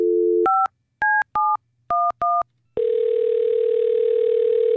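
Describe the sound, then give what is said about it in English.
A steady dial tone gives way to five quick two-pitch touch-tone beeps as a radio host at 94.7 Stars dials a listener's phone number for a prize giveaway, then a loud, continuous buzzing ring tone takes over. “Let's give somebody a call and see who our winner will be this afternoon.”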